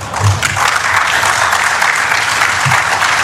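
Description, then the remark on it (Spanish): Steady, dense applause from a crowd for Lionel Scaloni, coach of the Argentine national team, a continuous wash of many hands clapping at full volume for the whole stretch, with a few low thumps underneath and no voices standing out. “Aplauso para Lionel Scaloni, el técnico de la selección argentina, que de verdad lo dice pues es convencido.”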